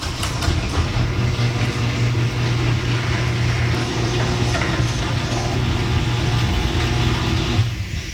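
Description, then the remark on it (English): A garage door opener with new premium nylon rollers runs in one smooth, unbroken pass, giving a steady low motor hum with a faint buzz and a soft rolling rush, no voices. “play the audio of my new premium nylon rollers”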